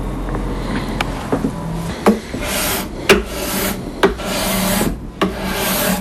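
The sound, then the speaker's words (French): A steel scraper rasps over a wooden guitar fingerboard, smoothing it after the old worn frets were removed and before new frets are fitted, in repeated strokes, a dry hissing scrape broken by short sharp clicks as the blade is lifted and reset, with no voices. “les vieilles frettes qui étaient usées, donc je suis en train de lisser la touche au racloir”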